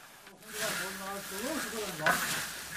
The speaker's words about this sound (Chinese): 可以看出，传统杀青不但灶台高，炒锅嵌入灶中还有一个倾斜面。显然这样直立翻炒茶叶是很舒服的。他手里的这把木叉是用油桐树枝杈制成的。